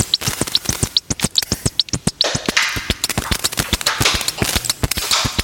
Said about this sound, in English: A snare drum sound designed using a short audio recording of two sheets of wide ruled paper being rubbed together.